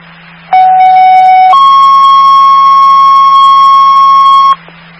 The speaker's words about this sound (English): stand by for the tones.